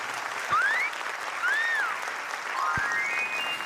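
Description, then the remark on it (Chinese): An audience of the show 'Zan de Taiwan' (咱的台湾) applauds steadily throughout, a dense wash of clapping with a few rising whistles cutting through and two brief low thumps. No one speaks. “谢谢，感谢，大家这么热情的掌声，我们都有收到啊！”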